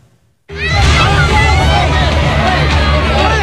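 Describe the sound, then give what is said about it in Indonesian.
A loud, dense crowd of residents erupts suddenly after a brief silence, many voices shouting and clamoring over one another in a continuous, agitated roar as they mob two young street buskers accused of stealing near a fire site on Jalan Dukuh Pinggir, Tanah Abang, Central Jakarta, on a Wednesday night. “Dua orang pemuda ini menjadi sasaran amuk warga di sekitar lokasi kebakaran di Jalan Dukuh Pinggir, Kelurahan Kebon Melati, Kecamatan Tanah Abang, Jakarta Pusat pada Rabu malam.”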